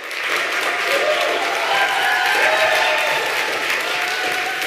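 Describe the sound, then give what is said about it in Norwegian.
A large audience at a human rights conference in Nuremberg, Germany, applauds Navi Pillay as news of her award becomes known, a dense wash of clapping from many hands that holds at a constant loud level for several seconds, with faint crowd murmur mixed in. “Nobelkommittén hade visst inte fått tag i Navi Pillay än då de offentliggjorde nyheten, för hon är på en människorättskonferens i Nürnberg i Tyskland, men där fick hon stor applaus då nyheten blev känd.”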